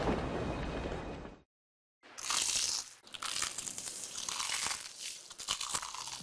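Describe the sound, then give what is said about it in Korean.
Loud crunching of crispy fried chicken coated in Crumple (크크크 치킨) being bitten and chewed, a dense run of crackly bites after a short pause of silence, with no talking. “Crumple를 입혀 크런치하고 크리스피하다. 크크크 치킨. 바삭함의 끝판왕.”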